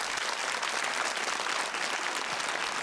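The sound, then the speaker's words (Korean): An audience applauds with steady, dense clapping that holds at an even volume for a few seconds, with no one speaking over it, welcoming a young gugak (Korean traditional music) prodigy on the show Gugak Hanmadang. “여러분 큰 박수로 맞이해 주시기 바랍니다.”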